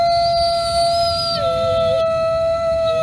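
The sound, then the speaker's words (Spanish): Wolves howling in long, steady, drawn-out tones, several voices overlapping at different pitches with a slight downward slide, over a low rumbling background. Nobody speaks. “Porque es verdad que la noche es muy territorio de lobos.”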